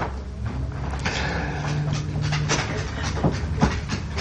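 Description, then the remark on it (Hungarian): A dog shifts and stirs with soft rustling and shuffling, followed by a couple of sharp thumps as it jumps down off a person's lap, over a low steady hum. “Hang, amit hallunk, a Rudi kutya. Igen, elunta, és most leugrott az ölemből.”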